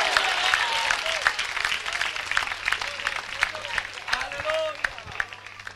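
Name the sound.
audience applauding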